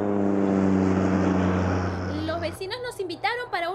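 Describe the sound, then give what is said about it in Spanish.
A small rented propeller plane drones steadily and loudly in flight at night, flying home from western Pennsylvania, its low humming engine continuing unchanged until people begin talking over it near the end. “Una noche yo alquilé una avioneta y estaba volando de vuelta a casa desde el oeste de Pensilvania con mi esposa.”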